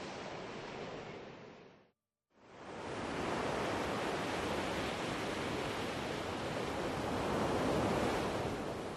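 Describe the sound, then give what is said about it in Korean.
Rough winter sea waves crash and roar around Heuksando, an island off the southwestern tip of the Korean peninsula, in a dense, continuous wash of surf, briefly cutting to silence near the start before the loud, churning breakers return and build steadily. “거친 파도가 부서지는 겨울.”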